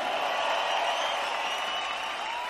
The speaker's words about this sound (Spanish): ¡Que siga ese aplauso chido para estas grandes cantantes rocarroleras!